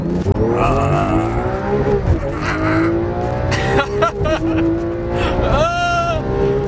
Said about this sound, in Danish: Bilerne skrider ud og snurrer rundt på den glatte bane, som FDM har fået anlagt på Jyllandsringen ved Risenbro.